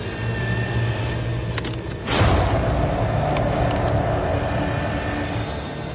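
A steady hydraulic machine hum builds until a single sharp crack as a hydraulic jaws tool (Jaws of Life) splits a cow bone in two, followed by a louder, sustained mechanical drone. No one speaks.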